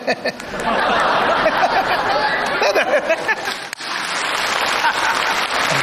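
Sustained applause from a live audience fills the whole stretch, a dense crackling wash of many hands clapping at once, with scattered laughter and voices mixed in.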